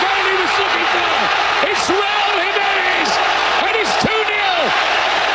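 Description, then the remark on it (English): A loud stadium crowd in Mexico City cheers after a goal at the FIFA World Cup opening match, Mexico versus South Africa, in a dense, unbroken roar, with many voices whooping and yelling in rising and falling swoops throughout. “Oh, baby, that crowd is fired up in Mexico City. The sound courtesy of Fox Sports.”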